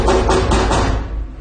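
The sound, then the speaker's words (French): A quick run of about four loud knocks on a door in an even rhythm in a stage play scene, then the sound fades away. No one speaks. “Tu n'ouvres pas la porte, grand-mère?”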